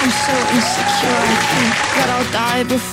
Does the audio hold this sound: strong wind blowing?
no